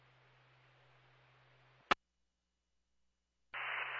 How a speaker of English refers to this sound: You're unreadable with static.